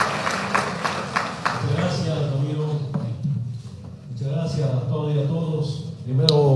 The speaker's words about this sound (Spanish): a que pueda hacer el uso de la palabra en conmemoración de los 17 aniversarios del municipio de Sinaota, y con ese fuerte aplauso de reconocimiento de parte de todos ustedes recibimos a nuestro hermano Evo Morales Ayma. ¡Fuerte las palmas!